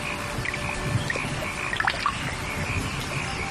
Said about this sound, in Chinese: 夏天，增城正午镇，听雨滴溅起早稻的清香。